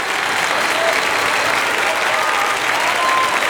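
Steady audience applause fills the whole stretch, a dense wash of many hands clapping at an even, moderate loudness with no voices standing out.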